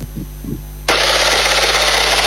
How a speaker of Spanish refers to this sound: Anoche, pasadas las 23 horas en Toledo, en el barrio 2020, se escuchó una ráfaga de varios disparos.